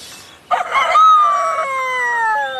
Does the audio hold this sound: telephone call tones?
no